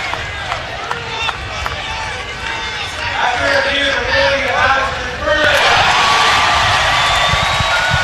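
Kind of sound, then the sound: crowd, stadium crowd cheering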